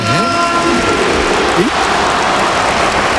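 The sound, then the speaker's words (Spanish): A stadium crowd gives a loud, sustained ovation for Antoine Griezmann as he is substituted, a dense wash of clapping and cheering that holds steady throughout, with a brief voice rising over it at the start. “Aplauso del estadio para Antoine. Ovación.”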